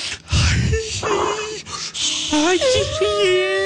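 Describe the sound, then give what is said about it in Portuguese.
A person demonstrates a pelvic breathing exercise: loud, rhythmic breathy huffs give way to high, sliding whimper-like vocal tones, the voice rising and falling in pitch over a few seconds. “Agora a respiração pélvica, que é assim, ó.”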